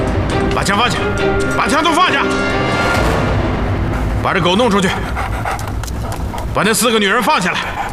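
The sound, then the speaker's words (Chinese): A dog barks in three loud, strained bursts spaced a few seconds apart, with heavy panting and a dense, noisy background filling the gaps between them, during an armed standoff at a prison. “把枪放下，把枪都放下，把这狗弄出去”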